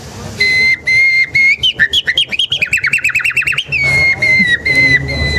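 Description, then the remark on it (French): Someone whistles an imitation of a nightingale's song, loud: long pure held notes, then a fast run of rapid trilling pulses, then steady held tones again, with no talking. “Ce que Darwin aussi va découvrir, en fait, c'est que avec les temps longs, les organes vocaux des oiseaux vont évoluer jusqu'à l'oiseau le plus évolué, le rossignol.”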